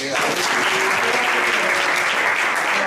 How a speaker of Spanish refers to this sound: Un aplauso.